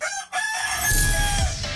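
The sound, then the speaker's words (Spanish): A rooster crows a single loud, drawn-out cock-a-doodle-doo, clear, its harmonic call sliding through the phrase with a low rumble underneath near the end. “El gallo. Tu despertador del buen humor.”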